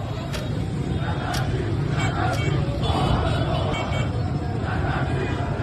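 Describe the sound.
Steady murmur of a crowded street at the Aladdin Passage shopping arcade on Jomhuri Street, as shop shutters are pulled down: many overlapping voices forming a dense babble with low traffic rumble underneath and occasional sharp metallic clatters rising out of the din.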